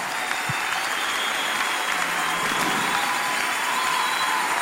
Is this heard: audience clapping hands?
yes